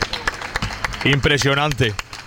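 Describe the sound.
An audience applauds the people who came at 2:15 midday, with sharp, scattered claps, loud and uneven throughout, while a man's voice calls out over the clapping for a moment in the middle.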